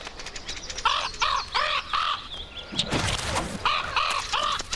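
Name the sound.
crow cawing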